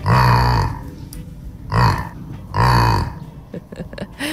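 A young calf lets out three low, throaty grunts with short pauses between them, followed by a few soft rustling clicks. The first and last grunts are the longest.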